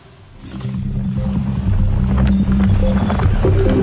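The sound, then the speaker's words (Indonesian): The hooves of a horse that ran out of control and hit a passing car clatter rapidly on hard ground in Bantul, Yogyakarta, on a Sunday midday, amid a dense, rumbling commotion that grows louder and stays loud, with faint voices mixed into the noise. “Seekor kuda lepas kendali hingga menabrak mobil yang melintas di wilayah Bantul, Yogyakarta pada Minggu siang.”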